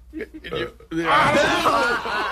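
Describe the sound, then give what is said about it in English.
A few short voiced sounds, then a loud, long, rasping burp, done on request, that stretches for over a second, raspy, with a chuckling quality. “can you do a burp?”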